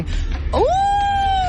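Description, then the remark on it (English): A voice imitates a wolf howl: one rising, sustained "ooo" that swoops up and holds steady to the end, fairly loud, with faint background noise. “A wolf.”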